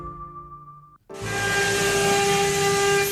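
A 3D carving machine hums with a steady tonal whine, mixed with carving knives on boxwood, in a carving factory at the Wenzhou Yongjia Arts and Crafts Park; after a brief dip it surges into a loud, continuous hissing whir with sustained high tones. No one speaks.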